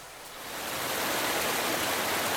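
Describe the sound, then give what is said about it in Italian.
A steady, roaring rush of water falling into a hydroelectric penstock, which carries it down to the power station to turn a turbine, swelling in the first moment and then holding a constant, dense hiss with no voices. “Funzionamento molto semplicemente, nient'altro, dell'acqua che cade dentro questa condotta, viene portata a valle dove è la centrale e fa girare una turbina come far girare le pale di un mulino.”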